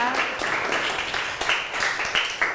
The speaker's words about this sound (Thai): ขอเสียงปรบมือให้กับเพื่อนของเราด้วยนั่นเองนะคะ